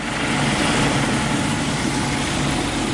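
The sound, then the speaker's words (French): A Caïman military helicopter from the Charles de Gaulle aircraft carrier roars loudly as it lands on the rear deck of a FREM multi-mission air-defence frigate after a 30-minute flight. Its rotors and engine produce a steady, dense wash of noise throughout, with no voices. “30 minutes de vol et l'hélicoptère Caïman du Charles de Gaulle se pose sur la plage arrière d'une FREM, une frégate multimission spécialisée dans la défense aérienne.”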